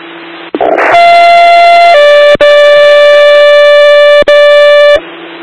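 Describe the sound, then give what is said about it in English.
Emergency dispatch paging tones, sent out to page Potsdam Rescue, sound loud and alone: a steady buzzy tone holds for about a second, then drops to a slightly lower pitch held for three seconds, with two tiny breaks. “sending out the tones now.”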